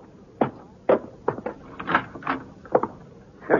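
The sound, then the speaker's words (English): An unlocked front door is opened with a run of hollow clunks and knocks, irregular thumps of handle and frame spread over a few seconds, with no voices. “Now, come on, Britt. The front door's unlocked.”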